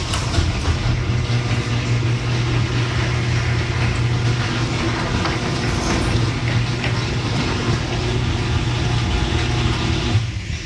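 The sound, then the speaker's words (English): A garage door fitted with ten premium nylon rollers runs steadily for about ten seconds, a smooth, even motor hum with a low drone and no clanking, cutting off abruptly at the end. “Play the audio of what my garage door sounds like now with the 10 premium nylon rollers.”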